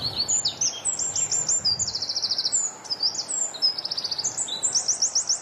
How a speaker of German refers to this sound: Zuerst der Zaunkönig, einer der kleinsten Vögel Europas, wiegt nur etwa 10 Gramm, sieht aus wie ein kleiner, brauner, gescheckerter Ball. Und Achtung, er hebt an.